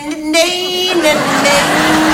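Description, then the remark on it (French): A voice imitates an office espresso machine, a steady buzzing hum blended with a harsh, airy hiss that holds for about two seconds at a fairly loud level. “Alors que dans un quart d'heure, tu dois être au bureau en train de faire son café à ton patron qui saura que t'es arrivé en retard parce qu'il entendra la machine expresso qui, contrairement à ce que pense Georges Clooney, ne fait pas...”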